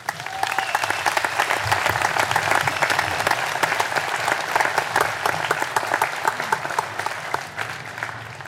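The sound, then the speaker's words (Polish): A large crowd claps steadily outdoors for group seven after a patriotic service, a dense, sustained patter of many hands at a fairly loud, even level throughout, with no voices standing out. “przewidziano wielkie brawa dla grupy siódmej za nabożeństwo patriotyczne.”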